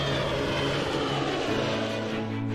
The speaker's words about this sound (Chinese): 虹桥国际机场是通往世界的重要空中门户。随着飞机一架架归港，过夜航空器守卫任务开始了。